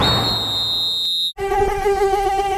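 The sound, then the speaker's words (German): A mosquito whines in a thin, steady, high-pitched drone, then after a brief silent break the buzzing returns lower and fuller, continuing without any talk. “Aua, jetzt hat mich schon wieder eine Mücke erwischt.”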